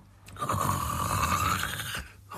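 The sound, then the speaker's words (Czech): A single loud, raspy snore drawn out for well over a second, its rough grating texture much like a saw cutting through wood, with no talking; someone snoring inside a small cottage. “Řeže pilou. Řeže nám chalupu.”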